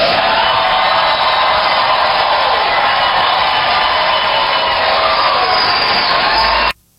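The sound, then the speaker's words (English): A large crowd cheers and roars loudly and steadily for several seconds at statements by Ketanji Brown Jackson, a dense wash of voices with whoops mixed in, before cutting off abruptly. “When Ketanji Brown Jackson makes these kinds of statements, all you get is this kind of cheering, this kind of lemming stuff of, oh, she's so brave, oh, she's so right, oh, she's the only one who cares.”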